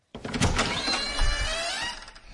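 A door is opened, a sustained scraping, creaking slide lasting about two seconds with rattling mechanical texture and a faint rising squeak toward the end.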